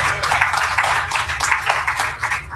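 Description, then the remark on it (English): Steady applause from a crowd, many hands clapping at once in a dense, continuous patter that stays fairly loud throughout, with no voices standing out. “Let's say an amen and give a hand clap.”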